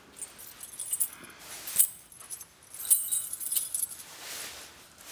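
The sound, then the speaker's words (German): Keys jangle and clink as they are picked up, a bright metallic rattling in irregular bursts, moderately loud, with no voices. “Jacke, Schlüssel.”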